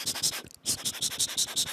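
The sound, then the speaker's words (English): A pencil writing on paper, scratching in quick, rhythmic strokes with a brief pause midway, fairly loud, with no talking. “So what I can think of firstly is like the writing sounds, like using pencil on like paper.”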